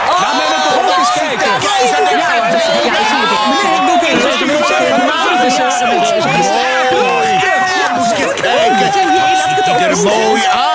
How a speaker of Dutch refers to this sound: Toen de keizer buiten kwam, klonk er een oorverdovend gejuich van het volk.